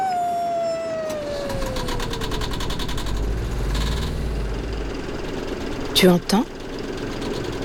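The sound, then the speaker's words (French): The engine of a vaporetto, a Venetian water bus, idles in Venice with a steady low rumble and rhythmic chugging, joined by a falling whine early on; a voice speaks briefly near the end over the continuous drone. “C'est le son du vaporetto.”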